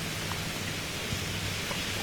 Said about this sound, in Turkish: Öncelikle aslında yağmur sabah saatlerinde başlamıştı. Öyle ki sadece İstanbul'u da değil, tüm yurdu etkisi altına alan bir yağıştan söz ediyoruz.